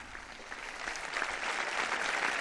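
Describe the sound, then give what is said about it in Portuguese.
Applause from those present after the greeting of the Holy Father, Pope Leo XIV, a dense steady patter of many hands clapping that swells slightly louder over the couple of seconds, with no voices heard. “O aplauso dos presentes após a saudação do Santo Padre.”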